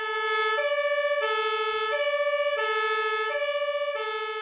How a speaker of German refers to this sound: Und jetzt gehen die Feuerwehrleute los im Auto und fahren zum Einsatz. Sie steigen ins Auto ein. Sie steigen ins Auto ein.